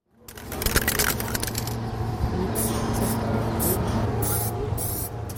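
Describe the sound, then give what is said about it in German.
A spray paint can hisses as a person on scaffolding sprays a gymnasium wall as part of a large anniversary mural, first in a steady rush and then in several short bursts, over a constant low background hum. “steht im schwarzen Kapuzenpullover auf einem Baugerüst, in der Hand eine Spraydose. Doch was er an die Turnhalle sprayt, ist kein hastig hingeschmiertes illegales Graffiti mitten in der Nacht, sondern Teil eines großen Jubiläumswandbilds für das”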